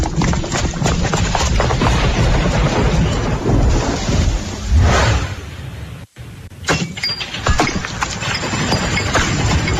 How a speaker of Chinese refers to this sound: 哎呦，这怕啥就来啥，这说下雨就下雨啊。